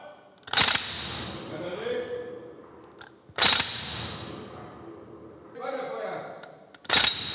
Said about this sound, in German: Mithilfe von Druckluft wird der Rückstoß der Waffen simuliert.